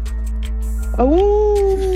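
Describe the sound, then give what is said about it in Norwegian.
A person mimics a dog with one loud, drawn-out yelping bark that rises sharply and then holds steady for about a second, over a faint steady hum. “Hvem er du best på å parodiere? Ingen. Vi må ha et svar her. Hundene. Hundene, få høre.”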